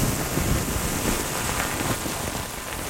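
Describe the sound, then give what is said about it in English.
Steady rain falls in a forest, a dense, even patter of drops that holds at a constant level for the whole stretch, with no voices. “I love it to be in a forest after a first rain.”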